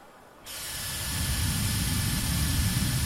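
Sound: hair dryer blowing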